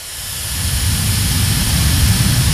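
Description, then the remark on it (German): A hair dryer blows steadily for a few seconds at the first stand in Hall 12, the beauty and wellbeing hall, of the IFA trade fair: a loud, continuous rushing whoosh with a deep rumble underneath and a bright hiss on top, swelling slightly at the start. No one speaks. “Gleich am ersten Stand geht es offensichtlich um Föhn.”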